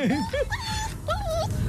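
A dog whimpers in a few high, wavering whines, rising and falling in pitch, fairly close and clear, over a low, steady background rumble.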